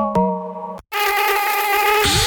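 A steady mosquito whine inside a house, with a thin, droning buzz that cuts off briefly, then returns louder and more insistent, with no voices present.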